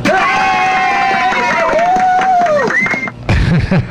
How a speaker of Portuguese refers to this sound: bota os aplausos.